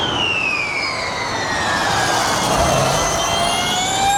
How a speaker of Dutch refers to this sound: Ik dacht eerst dat vuurwerk ervoor te horen kregen, maar dat was wat anders. Dat gaat wel zo hard als een vuurpijl, denk ik. Ja. De Formule E is dit, dat laatste geluid wat u hoort. Het komt naar het circuit van Zandvoort,